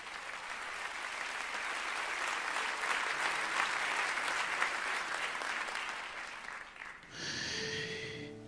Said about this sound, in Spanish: Dale fuerte el aplauso.